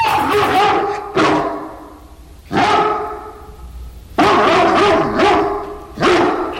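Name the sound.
dog barking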